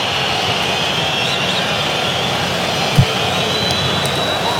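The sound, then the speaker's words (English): A large Mexican crowd at a World Cup football match booing, a steady, loud wall of sustained disapproving noise that holds evenly for several seconds, with no talking over it. “Now you're hearing boos from the crowd.”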